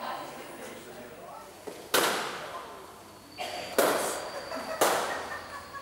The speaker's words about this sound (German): Also ich meine, schon mir geht es zumindest so, wenn ich einen Luftballon zerplatzen lasse, dann wartest du auf den Knall, aber du weißt ja nicht, wann kommt es jetzt, wann drücke ich so fest oder wann ist es.